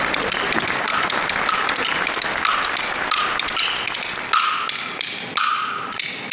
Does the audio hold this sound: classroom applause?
yes